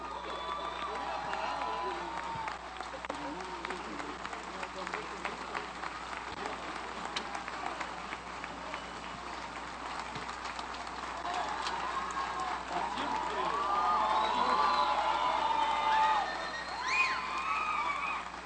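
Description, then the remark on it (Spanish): A large audience applauds steadily for several seconds after a concert by the Orquesta Sinfónica de Alientos de la Guardia Nacional, a dense wash of clapping mixed with cheers and whoops, swelling louder toward the end with a few high whistles. “fuerte los aplausos para la Orquesta Sinfónica de Alientos de la Guardia Nacional.”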